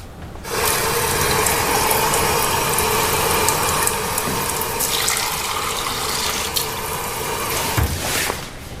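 Water runs steadily from a tap for about eight seconds, a fairly loud, continuous rushing splash that starts abruptly and cuts off near the end, with no one talking.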